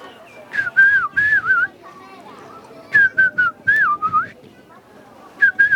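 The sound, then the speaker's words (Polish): A person whistles an imitation of a blackbird's song: soft, fluting phrases in three bursts of warbling, sliding notes with short pauses between, fairly loud, with no talking. “Kos, kiedy gwizdże, to jest taki ten aksamitny, fletowy, łagodny gwizd, który rano i wieczorami słyszymy.”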